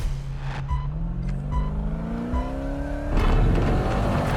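A Pro 4 off-road racing truck's engine revs up on a track, its pitch climbing steadily for a few seconds before a loud, rough burst of noise, with no voices.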